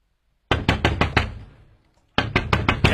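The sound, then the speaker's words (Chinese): Late at night, a woman knocks on her brother's door: two quick bursts of firm knocking, five sharp raps, a brief fading pause, then five more raps, loud with no voices. “谁啊？ 是我，你姐，快开门呐！”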